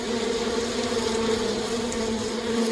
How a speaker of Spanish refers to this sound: Un enjambre de abejas surgió de la nada y comenzaron a atacar a los ahí presentes, que como ya dijimos, se trataba de un grupo reducido de personas.